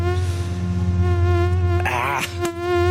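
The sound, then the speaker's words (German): A mosquito buzzes steadily, a thin, high whine with rich overtones that wavers briefly in pitch partway through before settling again. No voices are heard. “Die Mücken sind unterwegs.”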